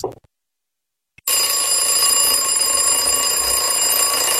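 After a brief click and a second of silence, an alarm clock starts ringing loudly and continuously, a bright, rattling metallic bell that keeps going without pause to the end.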